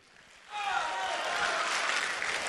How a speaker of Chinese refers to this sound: 哎呀，我怎么觉得今儿这掌声不太对劲儿啊？